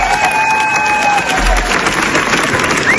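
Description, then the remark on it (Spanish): A large audience applauds loudly and continuously at the Cannes premiere of Los Javis' film La Bola Negra, a dense wall of clapping with cheers and a few high whistles mixed in throughout; the ovation lasted 17 minutes. “17 minutos de aplausos.”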